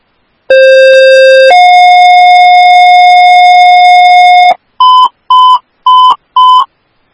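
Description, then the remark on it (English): Dispatch radio alert tones for Woodbury Station 4, Ambulance 4, to respond to a BLS person in crisis on I-94 westbound just east of Keats Avenue North: a one-second steady tone steps up to a longer three-second tone, then four quick, evenly spaced beeps follow. Loud, clean and electronic, with no voices. “Woodbury Station 4AF, Ambulance 4, these are your tones to respond for the BLS person in crisis.”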